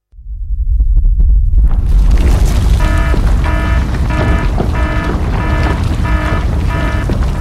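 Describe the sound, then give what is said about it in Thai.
A deep, loud earthquake rumble swells up within the first second and holds steady, joined midway by a regular pulsing, rattling pattern of brief tonal bursts over the roar. “เข้าอะไรล่ะแผ่นดินไหวพวกเอ็งมุดลงมาหาที่กำบังใต้โต๊ะนี่เร็วอย่าเพิ่งวิ่งออกไปข้างนอกของจะหล่นใส่หัว”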